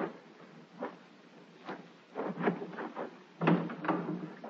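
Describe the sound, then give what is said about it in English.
A door being opened: a faint creak and soft rattle, then a series of louder clunks and thumps of wood and latch over a few seconds, with no voices. “Then I opened the door.”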